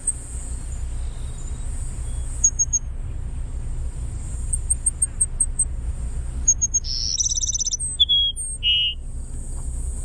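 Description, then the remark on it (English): A Cassin's Sparrow sings a burry, buzzy trill followed by a couple of clear, high sliding whistles, over a steady low rumble of background noise. “The Cassin Sparrow. Let's listen. What? It's just a bizarre burry whistle.”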